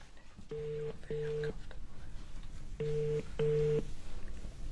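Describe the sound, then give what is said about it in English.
A telephone ringback tone purrs in two double rings as a call is dialed, each pair of short buzzing tones separated by a pause, heard steadily at moderate volume over a faint background hum. “I must phone. Oh, I hope she answers.”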